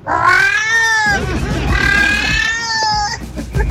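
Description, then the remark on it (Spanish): A person imitates a female cat in heat, letting out two long, loud, wavering yowls back to back, the drawn-out wail rising and falling with no other talk. “Mira, así sería una gata en celo.”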